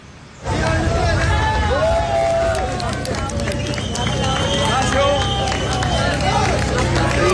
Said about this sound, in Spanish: Aplausos, emocionante este caso que mantiene la esperanza de los que siguen buscando todavía a sus seres queridos perdidos en La Guaira.